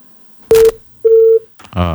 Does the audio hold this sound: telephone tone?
yes